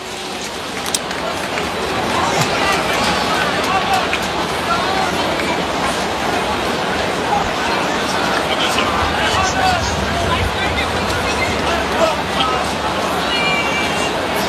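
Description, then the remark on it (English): A subdued baseball crowd at Fenway at night, during a game against Cleveland, hums along in a steady, even wash of indistinct chatter, with no cheers or sudden swells breaking through. “Kind of a subdued crowd at Fenway here tonight.”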